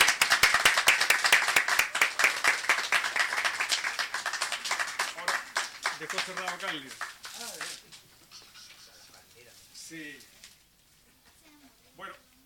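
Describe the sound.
Loud, dense audience applause fills the first half, a thick patter of many clapping hands that gradually thins and fades as a voice begins talking over its tail.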